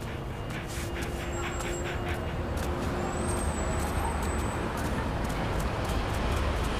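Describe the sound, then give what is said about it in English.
Dense, steady roar of road traffic passing, with heavy vehicles rumbling and a couple of thin, high brake squeals rising above the continuous noise. “Finally, a gap in the traffic.”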